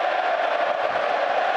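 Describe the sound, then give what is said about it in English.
A big stadium crowd at Elland Road chants a player's name together in a steady, unbroken wall of voices, loud and continuous across the whole moment, with no single speaker standing out. “Your name is ringing out around Ellen Road.”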